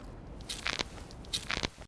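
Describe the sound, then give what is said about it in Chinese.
A surgically repaired knee joint, worn from years of hiking up and down mountains, cracks during a squat: two short clusters of dry crackling clicks, fairly quiet, separated by a brief pause, with no talking. “我这个膝盖做了手术，就每一次蹲下去起来，它都咔嚓咔嚓的响。”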